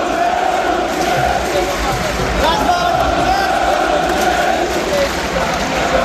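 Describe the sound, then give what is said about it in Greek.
A huge stadium crowd chants the name of Razvan Lucescu together in a loud, sustained roar, many voices merging into steady sung tones that hold without a break for several seconds. “Ναι, όλο το γήπεδο φώναζε Ρασμάν Λουτσέσκου, όλο το γήπεδο.”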